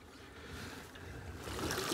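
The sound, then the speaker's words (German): Drinking water runs steadily from a tap into a canister, a continuous splashing gurgle that grows slightly louder and fuller toward the end, with no talking. “Einmal pro Woche holt der 34-Jährige hier seine Ration Trinkwasser ab.”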